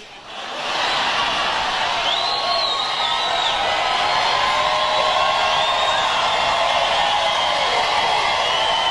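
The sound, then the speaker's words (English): A large crowd at a rally in Marietta, Georgia cheers loudly and steadily, with shrill whoops and whistles rising above the roar, building quickly after a brief quiet start and staying sustained throughout. “And the crowd, realizing what he's doing, I think they realized totally what he's doing, decided to play along as well.”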